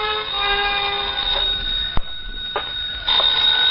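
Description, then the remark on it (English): An old telephone bell rings steadily and fairly loudly in an apartment for several seconds, a continuous metallic trill broken by a couple of brief clicks, with no one speaking. “I slicked the stubble off my face, showered, dressed, and was about to head for New York when the phone rang.”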